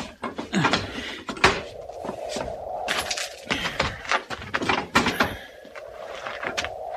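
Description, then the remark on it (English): A door is worked open with a run of sharp clunks, rattles and scraping knocks at an uneven pace, over a steady low hum in the background. “Get the door.”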